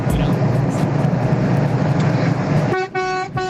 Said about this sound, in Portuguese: Beleza, buzinou legal. Não, eu tô vendo que os caras estão animados na buzina pra isso, né? Tão animados.